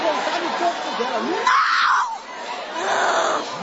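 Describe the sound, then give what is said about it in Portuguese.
A crowd of many voices shouting and crying out together during an exorcism, yelling for Jesus to burn the devil, loud and chaotic, with a strong surge of yelling in the middle and sustained collective vocal noise throughout. “Vai gritando para Jesus queimar ele.”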